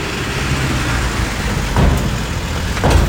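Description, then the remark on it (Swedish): A steady, loud low rumble of heavy truck engines in the morning at the Visingsö ferry terminal, where about a hundred heavy trucks are boarding the ferries for a large asphalt paving job on Visingsö, with two brief louder surges as trucks pass or rev. “Ett hundratal tunga lastbilar ska med nu Visingsöfärjorna här under morgontimmarna.”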